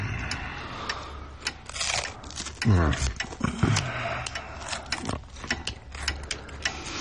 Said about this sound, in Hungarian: egy öngyújtót javítgat.